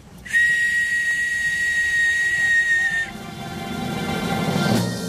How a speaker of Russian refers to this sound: В прошлый раз Савелий мне глиняную свистульку подарил. Сказал, когда понадобится, свистульку дуньте, и мы появимся.